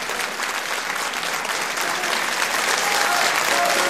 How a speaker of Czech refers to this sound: Publikum šílí, Jan Jiráň vykřikuje bravo. Děkuji vám. Ano. Tam někdo zve krámo místo bravo, teda nevím.